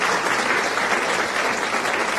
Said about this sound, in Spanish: Así que, aplausos para los que... le atinaron.